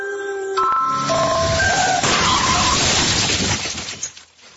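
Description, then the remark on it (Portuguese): Loud tires screech in a rising, wailing squeal for about two seconds, then a sudden crash of crunching metal and shattering glass erupts, with debris rattling as it fades out. “Não deixe um acidente obrigar você a reaprender. Seja você a mudança no trânsito.”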